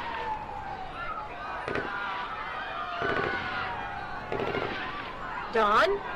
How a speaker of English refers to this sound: some sort of military force seems to have arrived, and we are hearing sounds of what seem to be gunfire inside the hospital.